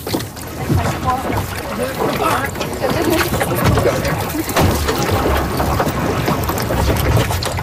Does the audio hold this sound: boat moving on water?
yes